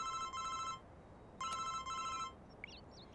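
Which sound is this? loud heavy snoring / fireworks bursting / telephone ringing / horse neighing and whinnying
telephone ringing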